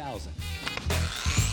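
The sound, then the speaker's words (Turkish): Sanding a car hood with fine 3000-grit sandpaper: a soft, steady scratchy hiss with a few brief strokes, over a low droning hum. “Şimdi 3000'lik zımpara kağıdına geçiyorum.”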